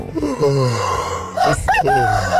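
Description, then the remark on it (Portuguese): A rooster crows loudly, one long drawn-out call followed quickly by the start of a second that is cut off, with no talking over it, played among the animal sounds on Start TMC. “O Ronaldo Malesso, de Belo Horizonte, além do cafezinho, ele tá pedindo urso, Bem-TV e galo.”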